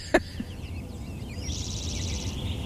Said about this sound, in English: why are these birds calling right now? What is that telling you? One of the things they do when they sing first thing in the morning, and I started listening today about 4:45, and the robins were really going off